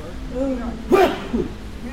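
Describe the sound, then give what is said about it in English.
One quick, sharp sneeze bursts out mid-clip, a brief noisy blast with a smaller follow-up sound, while low voiced murmurs carry on before and after it. “Bless you. Bless you,”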